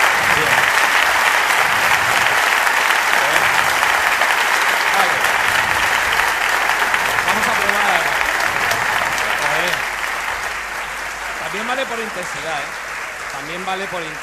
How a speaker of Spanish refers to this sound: Por intensidad también nos sirve. Pero vaya, largo ha sido bastante largo. Vamos a probar con... Pero no habían parado de aplaudir.